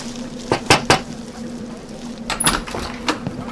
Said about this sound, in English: Lord, we ask you to protect us from harm and provide for us as we're about to knock on this stranger's door.